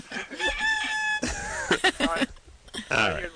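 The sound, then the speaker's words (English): A rooster crows once, a loud, drawn-out cock-a-doodle-doo with a strained, warbling tone, followed by harsh squawking and clucking sounds. “That was a rooster.”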